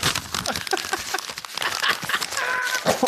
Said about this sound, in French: Mais qu'est-ce qu'on peut faire quand on est à court d'arguments? Eh ben, on mange son papier.